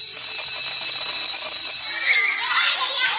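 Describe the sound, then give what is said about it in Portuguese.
A school bell rings for the snack break with a shrill, steady electric tone for about two seconds, then gives way to a loud, hissy wash of noise with faint voices underneath. “Não saía correndo quando o sinal do lanche tocava.”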